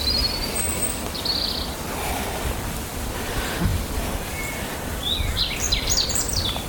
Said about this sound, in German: Wir dürfen auch den Vögeln lauschen.